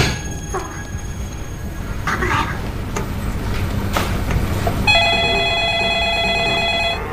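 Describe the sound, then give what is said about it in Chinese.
After a few seconds of rumbling background noise, a phone starts ringing loudly with a steady electronic trill that keeps going to the end. “我来电话，”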